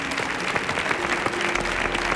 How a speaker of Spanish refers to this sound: Fuerte el aplauso para Lucy Paradise y Carlos Granadero.